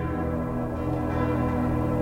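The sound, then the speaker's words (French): A convent bell rings for matins, sounding through a forest with a full, sustained tone, its overlapping resonances humming steadily and fairly loud, with no voices present. “Je reconnus la cloche d'un couvent. Elle sonnait matine.”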